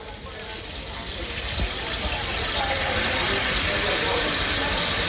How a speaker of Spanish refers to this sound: Por ejemplo, pensemos en las máquinas de lluvia, lo que se llama el palo de lluvia.